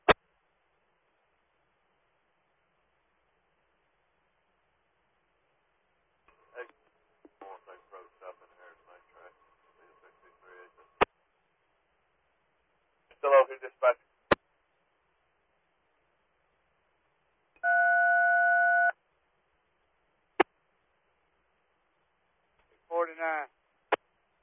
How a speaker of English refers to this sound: I thought I had y'all, heard y'all ringing in on 20 there. Lost you on that channel.